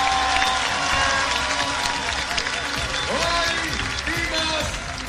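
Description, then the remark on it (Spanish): A crowd applauds Doctor Paloma Valencia steadily for about five seconds, a dense, loud wash of clapping with voices cheering and calling out over it. “Un aplauso para ella.”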